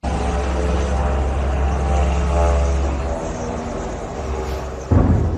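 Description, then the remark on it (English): A loud, steady propeller-like engine drone from drones flying over Moscow during a Ukrainian drone attack on the Russian capital hums overhead with strong low rumble and harmonic buzz, continuous throughout, ending with a sudden louder burst. “So to Moscow, where the sounds of drones filled the skies as Ukraine launched its largest attack of the full-scale war on Russia's capital.”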